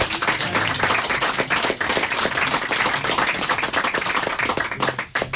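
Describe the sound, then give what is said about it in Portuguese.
An audience applauds loudly and steadily for the Portuguese guitar player of a fado group at a Rádio Amália session, a dense wash of many hands clapping that holds at full strength for several seconds before briefly dipping near the end. “À guitarra portuguesa, um fortíssimo aplauso, caríssimas senhoras, caríssimos senhores,”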